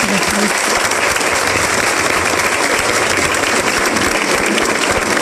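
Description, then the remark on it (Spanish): An audience applauds steadily for several seconds for the mayor, a dense, loud wash of many hands clapping with no pauses or voices standing out. “Yo pido un aplauso en este momento para nuestro alcalde.”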